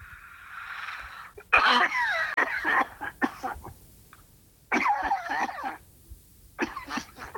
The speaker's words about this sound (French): T'as une sacrée toux, hein. Oui. Il faut que tu te soignes.